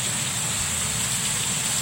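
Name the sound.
heavy rain pouring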